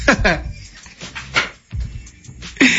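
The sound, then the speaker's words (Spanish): A dog whimpers in several short, pleading whines with brief pauses between them, ending in a sharper, louder whine. “Algo anda buscando el patrón, Moreno. Las galletas que ya te comiste,”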